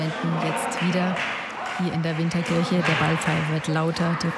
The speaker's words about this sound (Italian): Ma si sentono così delle voci più che altro, qualche sporadico applauso, ma rimaniamo un po' sospesi per aria, insomma, nell'attesa.